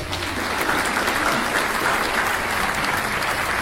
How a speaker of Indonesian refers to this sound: Ya, tepuk tangan untuk regu B.